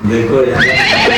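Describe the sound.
A person whinnies like a horse, a loud vocal imitation with a rising then wavering pitch, lasting about a second with no other sounds around it.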